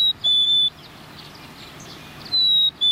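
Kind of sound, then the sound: bird, red-breasted nuthatch call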